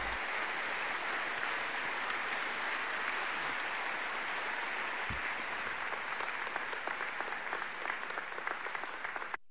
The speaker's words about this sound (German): Und alle Mütter, die hier präsent sind, möchten wir grüßen mit einem Applaus.